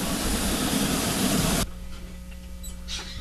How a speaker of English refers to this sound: Here, we're hopping onto a train. There it is. It's in the station. It's sounds a little haggard.